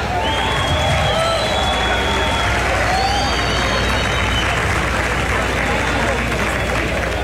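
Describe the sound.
A large audience at a live aid-collecting event applauds and cheers steadily throughout, a dense and loud wash of clapping with whistles and indistinct crowd voices mixed in.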